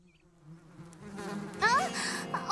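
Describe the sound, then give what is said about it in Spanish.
Bees still inside a hive that is being disturbed buzz, a steady low droning hum that swells in loudness, with sharper, higher-pitched buzzing bursts joining toward the end. “¡Siguen adentro! Y creo que estamos molestándolas.”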